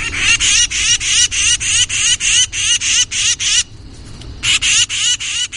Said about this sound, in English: Now, this call is the titmice very upset.